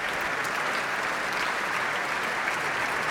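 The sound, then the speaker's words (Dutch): Sustained, dense applause from a large concert audience for pianist Jefim Bronfman and conductor Elim Chan with the Concertgebouw Orchestra, a steady wash of many hands clapping at once, loud and even throughout with no voices standing out. “Groot applaus hier voor de pianist, Jefim Bronfman.”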